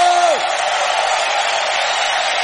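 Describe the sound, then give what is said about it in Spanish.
A large crowd erupts in loud, sustained shouts of victory and joy, a dense wall of voices that holds steady throughout, with a brief whooping cry rising and falling at the start. “¿cuántos pueden dar un grito de victoria, un grito de júbilo?”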